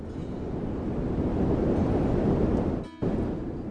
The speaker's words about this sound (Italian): Questo, un frigorifero acceso nella stanza accanto. Un ronzio che non sai cos'è e che dopo un po' non sai da dove venga, ma poi non riesci nemmeno più a sentirlo bene.